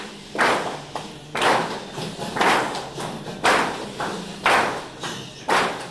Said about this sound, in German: Einfache Klatschspiele brechen das Eis. Die Teilnehmenden bewegen sich frei im Raum, wärmen Körper und Stimme langsam auf.